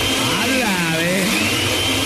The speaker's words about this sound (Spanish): Aquí estaba en la casa, a ver, para saber que estaba en la casa, prende la licuadora.